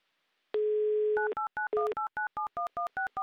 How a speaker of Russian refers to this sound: И еще раз набран номер телефона